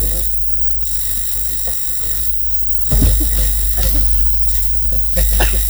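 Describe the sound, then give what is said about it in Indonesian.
The owner's telephone rings with a steady, bright electronic tone that keeps going throughout, growing a bit louder halfway along over a low rumble, with faint voices in the background. “Owner ya telepon.”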